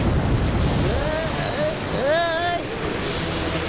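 Steady rushing wash of sea waves around a boat, with wind noise throughout and a couple of brief wordless vocal tones rising over the water midway.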